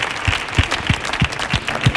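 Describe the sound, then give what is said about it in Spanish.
Loud applause from a crowd on the show del Comandante Lara, sent to Pitingo, with a steady rhythmic beat of heavy claps about three times a second over a continuous crackling wash of hands. No voices are heard. “Que estamos aquí locos porque venga un día, así que vamos a mandarte este aplauso fuerte para Pitingo, para que venga al programa del show del Comandante Lara, cuando quiera, Pitingo.”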